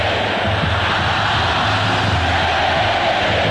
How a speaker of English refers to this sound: And here comes the crowd back into it. They said this is going to energize this Gamecock defense.